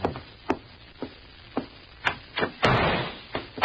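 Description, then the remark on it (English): A steady series of sharp knocks on a room door at the Bella Vista Hotel, followed by a louder, rougher burst of rattling as the door is pulled open, then another thud. “Then, less than an hour after Mark Donovan and I had checked in at the Bella Vista Hotel, there came a knocking at our door.”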